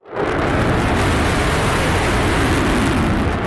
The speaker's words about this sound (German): Der F-35 ist alles andere als ein diskreter Vogel. Eine Lautstärke von über 100 Dezibel bringt er beim Start problemlos her. Das ist etwa so laut, wie wenn man einen Meter neben einem Presslufthammer steht.